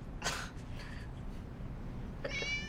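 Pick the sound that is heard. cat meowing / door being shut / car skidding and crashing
cat meowing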